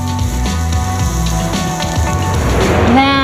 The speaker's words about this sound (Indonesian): Menggunakan teknik flambe, wajan dipanaskan dengan api besar sehingga menghasilkan semburan api sesaat yang membantu memperkuat aroma dan memberikan karakter rasa pada masakan.